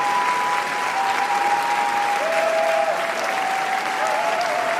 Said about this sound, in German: Die Währung, mit der beim wichtigsten Filmfestival der Welt Erfolg gemessen wird, heißt Standing Ovations. Und mit 12 Minuten anhaltendem Jubel und Applaus nimmt der französische Beitrag Garance in diesem Jahr eine Spitzenposition ein.